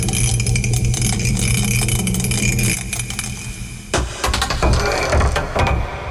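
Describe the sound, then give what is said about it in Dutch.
Dice rattle steadily inside a mug for several seconds, a busy clatter, then break into a few sharper knocks as they are tipped out and tumble onto a surface; the throw picks the day's category and lands on six. “We pakken de welbekende mok erbij en dan mogen we gaan.”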